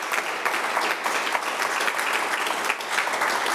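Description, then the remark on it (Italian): Sustained audience applause, a dense, steady wash of many hands clapping at once, loud, filling the whole stretch without any talking over it. “Un altro applauso”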